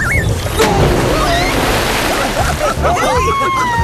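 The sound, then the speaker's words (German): Continuous loud splashing and sloshing of water as a group of friends jump again and again into a waterhole used as a swimming pool, splashing half the water out; busy throughout, with high squeaky whistles and faint voices mixed in over the churning. “Du hast dir das halbe Becken leer gemacht.”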